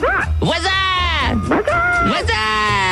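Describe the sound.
A person imitates animal noises, producing loud, strongly pitched yelping and bleating cries in quick succession, with rising and falling harmonics like a dog or sheep.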